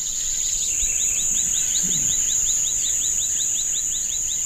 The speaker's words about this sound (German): Hier ist Ruhe und wir können das vielfältige Vogelgezwitscher und das Quaken der Frösche hören.